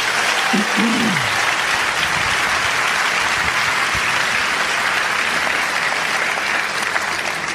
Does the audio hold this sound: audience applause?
yes